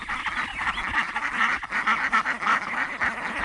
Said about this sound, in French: Ça, ce sont nos canards coureurs indiens, qu'on appelle aussi la brigade anti-limaces, voilà, qui s'occupe de manger un petit peu les protéines du jardin.